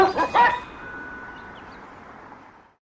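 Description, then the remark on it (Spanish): A small female dog, wanting to be taken to the park, gives two or three quick, high yips, then a thin, drawn-out whimper trails off over a soft noisy background, with no talking. “Yo los dejo porque mi perrita ya me quiere llevar a un nuevo destino, el parque.”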